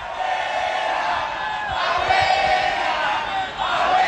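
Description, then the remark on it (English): A World Cup street crowd with Panama scarves and flags shouts together in a loud, steady roar, chanting "abuela" (Spanish for grandmother) at an old woman standing on porch steps, with rhythmic chant-like surges rising and falling over about four seconds. “What they're yelling at her is abuela, abuela, abuela, which means grandmother in Spanish.”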